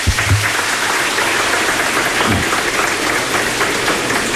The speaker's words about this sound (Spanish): Un aplauso para el Espíritu Santo.